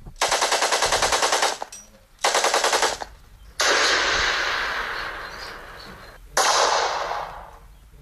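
Gunfire at a Spanish Civil War battle reenactment in Vilamur, Pallars Sobirà, recreating combat at old defensive positions: loud, rapid bursts of automatic fire in several rattling volleys, separated by short pauses, with a sustained roar of shooting in the middle.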